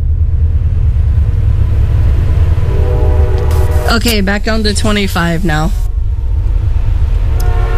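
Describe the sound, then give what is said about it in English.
A train rumbles steadily in the distance, with a faint, drawn-out horn tone sounding far off. Partway through, a person speaks briefly over the low background noise. “Yep, I hear a train off in the distance.”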